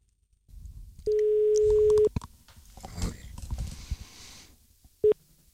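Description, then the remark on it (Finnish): A steady telephone line tone holds for about a second, followed by a short second beep a few seconds later, as an outgoing call to Peltola is placed over a direct line from a Yleisradio studio in Pasila. Faint shuffling and background noise fill the gap. “Me voitaisiin nyt soittaa sinne Peltolalle, koska tämä on Yleisradio, täällä on suora linja.”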